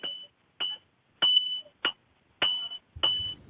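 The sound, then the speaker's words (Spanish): A blacksmith of the Mazo Novo smiths strikes iron with a hammer six times at an uneven pace outside the Principality of Asturias pavilion at a romería. Each sharp, loud clang leaves a high metallic ring that hangs briefly before the next blow, with no voices. “Como con un martillo y hierro.”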